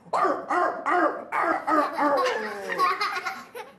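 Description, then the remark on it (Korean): A teacher imitates a puppy for a children's class with a quick run of four or five short, yappy barks, then a longer, more continuous stretch of whiny yelping, fairly loud. “저는 강아지예요.”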